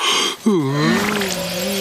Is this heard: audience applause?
no